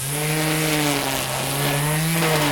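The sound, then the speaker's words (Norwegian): A small two-stroke string trimmer engine, one of the motorized garden tools from the shed, is started and tested before being put away. It runs steadily at a high, buzzing idle, its harsh drone holding an even pitch with a slight rise near the end. No one speaks over it. “Det er kantklipper, det kan ikke være tvil om det.”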